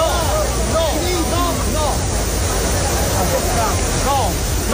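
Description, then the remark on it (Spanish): Steady rushing splash of water at the Trevi Fountain fills the scene as a tourist swims in it, with a dense crowd murmuring and scattered voices rising over it, constant and fairly loud throughout. “una turista ha saltado las barreras de la Fontana di Trevi para bañarse y para refrescarse”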